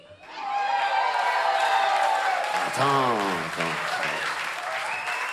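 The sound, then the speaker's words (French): A crowd applauds steadily for several seconds, dense clapping, with a few voices calling out and cheering partway through before the applause carries on. “Alors en général, c'est là qu'on s'applaudit.”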